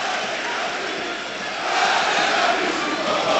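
A stadium crowd of football fans at an Aris match grumbles and boos in a steady, dense roar of voices with no clear words, swelling a little louder halfway through and holding there. They are voicing displeasure at the second-half performance and booing the club owner.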